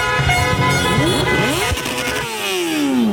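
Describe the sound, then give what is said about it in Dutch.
A dense, loud chorus of car horns blaring and overlapping in a street in Amsterdam-West right after the final whistle of a Morocco match, as people pour onto the street, with rising and falling engine revs underneath and a crowd's noise throughout. “Maar meteen na het eindsignaal komen overal mensen naar beneden de straat op. En begint het gigantische toeterconcert in Amsterdam-West.”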